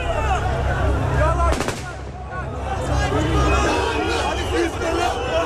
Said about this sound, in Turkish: Yaklaşık bir saat önce Vatan Caddesi'nin Emniyet Müdürlüğü'nün hemen karşısına gelen tankların üzerine halk çıktı. Zaman zaman silah sesleri geliyor. Anons çekmeye çalıştığım zaman makineli tüfek seslerini duydum. G3 piyade tüfeğinden çıkan sesti.